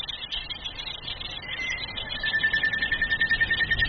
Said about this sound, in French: Donc on peut commencer par écouter un son qui a été enregistré la journée en saison humide.